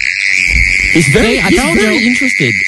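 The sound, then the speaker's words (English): A mole cricket, dug out of the ground in a suburb and brought into a studio, trills in a steady, unbroken high buzz that runs through the whole moment, while a voice-like sound with wavering pitch rises over it midway. “What's a mole cricket?”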